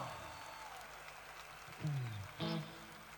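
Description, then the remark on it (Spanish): A soft, steady patter of clapping from a small audience for the maestro runs throughout, with a couple of brief voiced shouts rising over it near the end. “¡Fuerte el aplauso para el maestro!”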